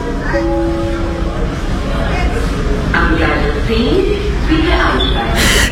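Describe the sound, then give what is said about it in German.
Busy train station ambience as a train arrives: a steady low rumble with indistinct crowd murmur and background voices, a faint tonal whine early on, and a sharp burst of hiss at the very end. “Pitt und Liesel holen sie vom Bahnhof ab und kommen fast zu spät. Gerade hasten sie die Treppe zum alten Bahnhofsgebäude hinauf.”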